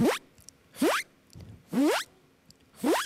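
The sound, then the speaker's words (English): A voice imitates a zipper being pulled closed, making four quick rising zips in a steady rhythm, each a short breathy sweep upward, fairly loud with brief pauses between. “So I'll try the zipper sound.”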